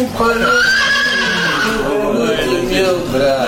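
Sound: horse neighing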